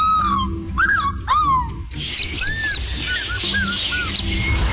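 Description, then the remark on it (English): Two or three loud, drawn-out descending cries from a man imitating an eagle, then a series of thinner, repeated real eagle calls over outdoor background noise. “And eagle.”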